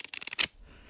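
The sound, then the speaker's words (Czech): A quick run of crisp, papery rustles and flicks, like paper banknotes worth 1500 pounds being riffled and handled, ending in one louder crackle before fading into near silence. “Tady v papírových bankovkách.”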